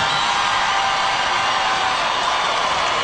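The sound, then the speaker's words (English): A crowd cheers and roars after a speaker on stage says "Free Palestine", in a steady, dense wash of noise that holds at the same loud level for about three seconds, with no single voice standing out. “People cheering for no reason.”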